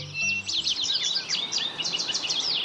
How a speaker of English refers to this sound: Morning is a great time for birding. Songbirds begin their chorus just before dawn, and many species start looking for food at first light.